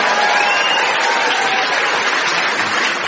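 A crowd claps steadily for a few seconds, the applause dense and even throughout, with low grumbling voices muttering faintly beneath it.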